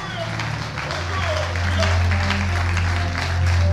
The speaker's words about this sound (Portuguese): Então aplaude e glorifica o Senhor.